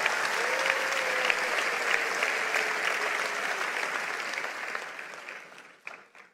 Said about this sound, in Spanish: Vamos, si lo crees, dale un aplauso al Señor.